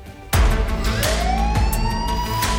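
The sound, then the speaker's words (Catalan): Emergency vehicle sirens blare loudly after a brief quiet start, their rising tones sweeping upward over a low rumbling engine, with no voices present. “Quines sirenes que em posa, quin ric.”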